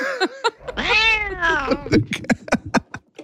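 A cat lets out a long, drawn-out meow, rising and falling in pitch, followed by a quick series of short, sharp clicks or taps.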